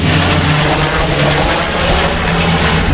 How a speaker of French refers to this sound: Vu que la direction du vent vient par ici, voilà le Canadair.